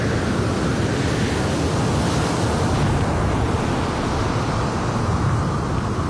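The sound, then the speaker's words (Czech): A steady, loud rush of sea water, like surf or a large volume being poured out, roaring continuously without pause and with no voices. “Díky, mořský vládce, že mi pomáháš vylít moře.”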